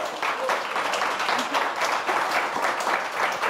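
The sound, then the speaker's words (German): A crowd applauds steadily as a nominee is called to come up to the front, with dense, continuous clapping at an even level throughout and no one speaking over it. “Komm zu uns nach vorne mit einem Applaus.”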